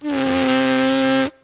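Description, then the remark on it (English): A horn player's plain lip buzz made without the horn, a steady, reedy buzz held at one pitch for over a second, loud, with rich overtones and a raspy, insect-like drone before it cuts off abruptly. “Can we hear that sound without a horn at your lips? Yeah, so this is the plain buzzing.”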